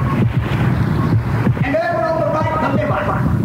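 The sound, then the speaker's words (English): Steady, loud rush of sloshing, gurgling water, like fluid flushing through pipes, representing a kidney busy flushing fluid, with a brief tonal burble partway through and no pauses. “Here on the left, the happy little kidney is busy flushing fluid. Just listen.”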